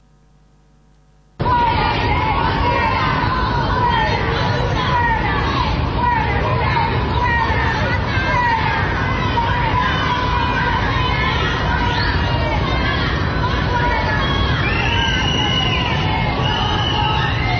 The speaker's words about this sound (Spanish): Fíjate lo que pasaba, es un audio ahí que lo vas a escuchar de un video que fueron subiendo a las redes. Abucheos, gritos, algunas palabrotas, andate, tómatelas. Esto pasaba 11 de la mañana.